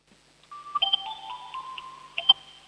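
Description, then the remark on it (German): A home electronic doorbell in Upper Austria plays a chime of sustained, steady tones that step between pitches, with a couple of sharp clicks mixed in. It sounds alone at moderate volume, without any voices. “Das ist ja eine coole Türklingel.”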